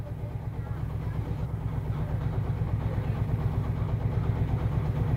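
A tractor engine, started up by a woman from the upper inn in Hirschfeld as the village sets off, idles with a steady, low, rhythmic chugging that holds at an even loudness for the whole stretch.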